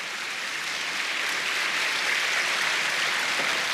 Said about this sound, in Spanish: Si va a aplaudir al Señor, apláudalo, porque Él lo merece.